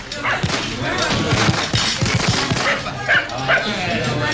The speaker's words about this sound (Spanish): ¿Qué es eso? Ah, sí, claro, los cohetes y el ladrido de los perros despavoridos de susto.